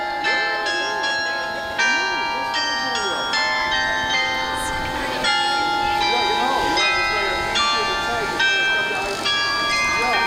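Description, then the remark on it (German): The carillon of Aachen town hall, opposite the cathedral, rings out a melody of overlapping bell tones, struck in a steady rhythm and ringing on, heard outdoors with faint voices and street noise underneath. “Und dann hören die Teilnehmer auch noch plötzlich das Glockenspiel vom Aachener Rathaus, das hier direkt gegenüber vom Dom liegt.”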